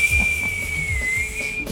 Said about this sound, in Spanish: Hasta con el chiflido desentona, hombre.